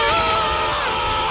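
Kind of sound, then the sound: sound effect, scream sound effect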